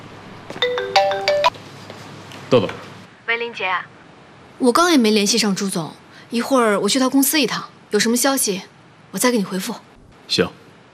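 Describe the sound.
A mobile phone ringtone for an incoming call chimes a short, bright electronic melody for about two seconds, clear, then cuts off as people start talking.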